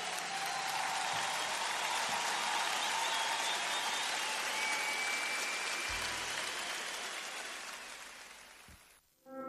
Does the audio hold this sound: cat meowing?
no